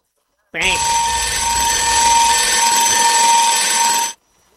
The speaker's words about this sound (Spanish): Dame una alarma, Willy.